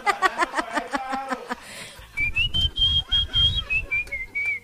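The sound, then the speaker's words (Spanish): After a brief stretch of sung or hummed voice, someone whistles a tune, a clear, steady melody gliding between notes over a low thumping background, whistled as a song request to the Candela radio show. “¿Vio cómo me pueden pedir las canciones también silbando?”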